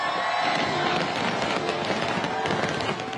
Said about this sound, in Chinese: 国庆烟花汇演晚上8:00举行，超过30,000枚烟花在维港上空绽放，大批市民和旅客企满星光大道和文化中心外的空地观赏。